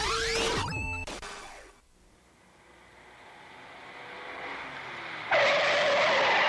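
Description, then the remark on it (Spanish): Car tires screech loudly in a sharp skid that cuts off abruptly, followed by a brief lull and then a swelling roar of engine and road noise that ends in a loud rush. “El carro ya se paró.”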